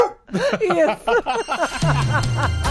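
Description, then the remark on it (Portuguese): A quick run of about eight high, yappy barks of a small dog with a thin, synthetic quality, followed by a steady sustained tone that carries to the end. “É um cachorrinho.”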